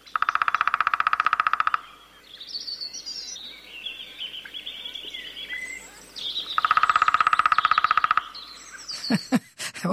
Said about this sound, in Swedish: Då tar vi mindre hackspett. Mindre hackspett. Ska vi lyssna på trummandet? För det är en sak att de trummar, en annan sak att de kvittrar eller låter. Och den låter inte lika mycket, den trummar oftare.